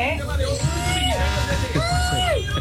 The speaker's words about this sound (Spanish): Gritos mexicanos.